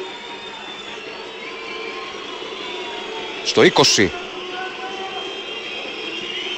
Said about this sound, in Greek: Έτοιμος ο Μαρίν μέσα σε αποδοκιμασίες.